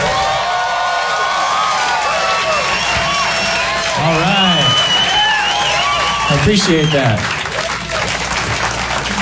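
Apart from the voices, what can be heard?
audience clapping and cheering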